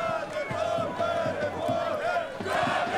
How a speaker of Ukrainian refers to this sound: Поки що у кам'янчани, яких, як ви чуєте, підтримує місцева публіка, без м'яча проводять цей поєдинок